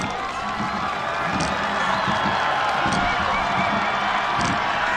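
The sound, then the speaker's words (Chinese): A large home crowd at a rowing race roars and cheers deafeningly as the boats approach the finish grandstand, one continuous, loud wall of noise that holds steady for the whole stretch, with faint voices mixed underneath. “接近终点看台了，能听到现场主场的观众震耳欲聋的欢呼声。”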